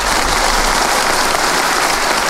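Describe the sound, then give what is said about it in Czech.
An audience, asked to practise different kinds of applause, claps steadily and politely on request, a dense, even patter of many hands at moderate loudness with no cheering, sustained for a couple of seconds. “Teď si zkusíme zdvořilý, zdvořilý.”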